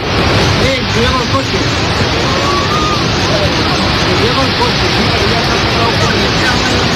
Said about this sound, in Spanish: Es sonido de la localidad de Manzanedo de Valdueza, cerca de Ponferrada, donde las fuertes corrientes de agua que han asolado las calles del pueblo arrastraban incluso vehículos.